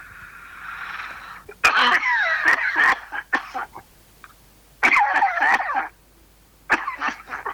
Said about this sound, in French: T'as une sacrée toux, hein?